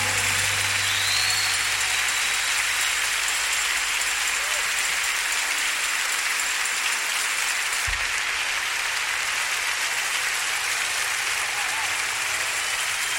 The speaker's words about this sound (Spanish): Gracias, un aplauso más fuerte, hermano.